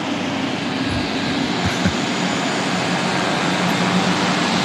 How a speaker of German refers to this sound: Das sind irgendwelche Motoren und so. Also, Turbinen und so richtig heftige Motoren.